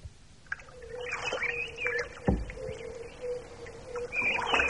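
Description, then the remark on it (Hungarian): Birds call at a reedy lake, with several warbling, chirping phrases over a steady low hum. A single sharp knock sounds partway through, and no one speaks. “Nézze azt a madarat azon a nátszálon.”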